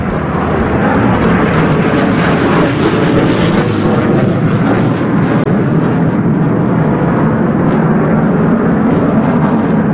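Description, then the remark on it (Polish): A loud, continuous roar of Polish F-35 fighter jets passing overhead in a ceremonial welcome flyover above stands for invited guests in Poland, a broad rumbling engine noise that swells and stays heavy throughout, with no voices present. “Panie i panowie, spójrzmy na niebo po państwa lewej stronie, bo właśnie tam są samoloty, które wykonały uroczyste przeloty w ramach powitania z Polską.”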